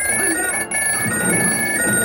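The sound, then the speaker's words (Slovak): A telephone rings with a bright, steady electronic trill that holds nearly unbroken for two seconds, pausing only for a split second midway, loud. “Taký šibnutý zvonček som ešte nepočula.”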